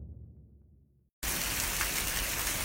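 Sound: rain falling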